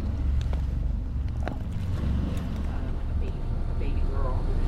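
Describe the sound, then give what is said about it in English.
Inside a moving bus on a ride into Manhattan, a steady low engine rumble and road roar fill the space, with occasional rattles and clicks and faint, indistinct voices murmuring in the background. “Found listener from Secaucus, United States, playing nearby sound, Neocenes. Bus ride into Manhattan”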